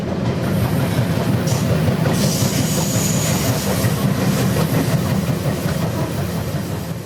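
The Rocky Mountaineer passenger train rolls steadily along the tracks, a dense, continuous low rumble with faint rhythmic clatter and a hiss of higher noise, holding at a constant loud level with no voices.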